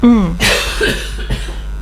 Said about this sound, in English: It's flipping cough.